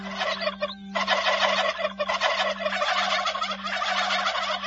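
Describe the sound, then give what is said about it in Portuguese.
A large flock of turkeys entering a backyard, gobbling nearly nonstop, their rapid, rattling calls overlapping into a loud, dense chorus with a steady low hum underneath and no one talking. “Apareceram um monte de peru.”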